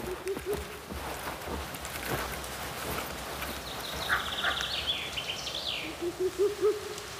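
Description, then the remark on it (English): Low, soft hoots of a Ural owl, a short series at the start and another near the end, with faint higher birdsong and a quiet outdoor hush between them. “Ural owls can grow to heights of more than half a meter and breed exclusively in old or dead trees with large hollows.”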